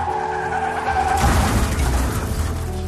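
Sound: car tires skidding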